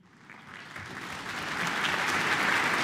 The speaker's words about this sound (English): Applause for Donald Armstrong, who will be in the role of concertmaster tonight, while Vesa Martti Leppänen takes to the spotlight as soloist in this much-loved work.